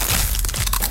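A loud crunch of a crispy Crunch brand tortilla chip, a Costa Rican product by Instamasa, being bitten and chewed, a quick burst of brittle crackles lasting about a second, with no voices.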